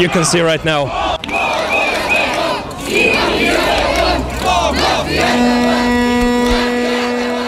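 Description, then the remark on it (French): A large protest crowd heading to the offices of Delian Pivski's party around 8 in the evening chants a slogan in unison, loudly, with rhythmic shouted phrases ("When Pivski falls, I don't want to be underneath"), whistles and a steady horn-like tone joining toward the end amid general crowd noise. “Dans le cortège, on chante « Quand Pivski tombera, je ne veux pas être en dessous, sinon il tombera sur moi »”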